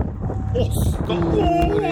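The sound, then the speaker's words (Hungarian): Wind rushes and buffets loudly against a microphone as a paraglider flies, in a steady low roar for the full two seconds, with a voice briefly audible beneath the blustering noise. “Ez a szél.”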